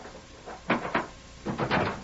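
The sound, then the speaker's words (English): The wooden door of a small cabin in wild, rough country north of Rimrock is opened, with a pair of short clattering bursts of latch and hinge noise separated by a brief pause, no voices. “Close the door.”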